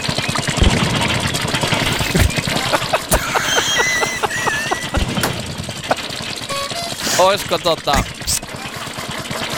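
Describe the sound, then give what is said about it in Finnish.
An old-model Opel Mokka car engine runs steadily with a rapid, rhythmic knocking and clicking over a low rumble, punctuated by a few sharper bangs and brief high-pitched squeaks. “niin vanhakoppainen Opel Mokka kyseessä.”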